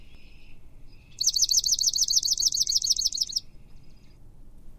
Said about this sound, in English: So here is the swamp sparrow.